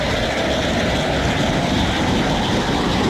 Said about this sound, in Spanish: Aviones de combate de la FAC sobrevuelan los cielos y la policía desde el aire vigila las playas y carreteras.